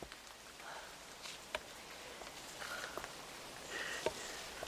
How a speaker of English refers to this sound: There are the first drops. Golden drizzle.